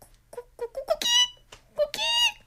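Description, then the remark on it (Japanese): A rooster crows twice at 6 a.m., each loud, bright, strained cry preceded by a few short rising clucks, over a faint steady low hum. “鶏も起きた、私も起きる、でも眠い。”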